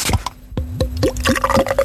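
Mainhelles beer glugs and splashes into a glass in a quick series of gurgling bursts, fairly loud, with a rising fizzy pitch as the glass fills. No one speaks.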